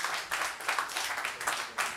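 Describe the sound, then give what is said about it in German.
An audience claps steadily to vote for a recording by a pianist, many hands overlapping into a dense, bright patter with regular swells in loudness and no voices on top. “Ich möchte gerne Ihren Applaus oder Nicht-Applaus hören.”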